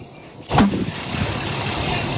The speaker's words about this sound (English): And then the whole car went up. It was popping. The grass next to it was on fire. Here is audio of a burning tire exploding.